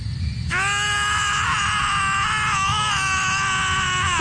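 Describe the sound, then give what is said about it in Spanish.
The two male protagonists of the film Harold and Kumar let out a loud, sustained scream that starts abruptly after half a second and holds for several seconds over a steady low rumble of background noise. “Sí, ahí están gritando nuestro par de protagonistas como agradecimiento por toda la publicidad gratuita que les dio la película White Castle.”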